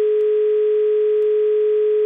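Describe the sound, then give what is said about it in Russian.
A steady, unbroken telephone dial tone as a radio station calls a listener during an on-air game, holding a single mid-pitched note at even loudness for about two seconds, with no voices and only faint clicks underneath. “Звонок у нас, гудок есть, а вот...”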